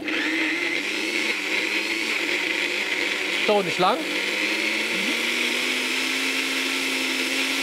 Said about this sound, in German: Das lassen wir jetzt erstmal im Mixer mixen.